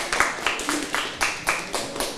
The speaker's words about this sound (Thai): ขอเสียงปรบมือให้กลุ่มที่3อีกหนึ่งครั้งค่ะ